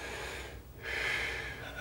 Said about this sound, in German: Und einatmen.